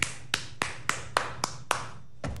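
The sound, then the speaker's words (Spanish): A single person claps about eight or nine times in applause for a comment, in a steady, fairly quick rhythm, with sharp claps and a brief pause before the last two. “Aplauso a ese comentario.”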